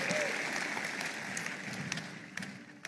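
An audience claps steadily for a few seconds, a dense wash of many hands at moderate loudness that thins slightly toward the end, with scattered sharper claps standing out.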